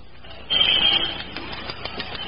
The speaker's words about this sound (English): Maybe you ought to use the glass cutter some more.